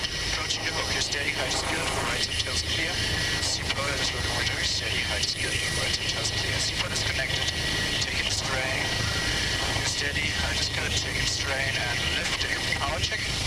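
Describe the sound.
A helicopter hovers close by, its rotor and engine producing a loud, steady roar that never lets up, with muffled voices talking faintly beneath the din.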